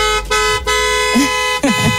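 Loud car horns blare in long sustained honks, briefly cut off a few times before resuming, with no talking underneath.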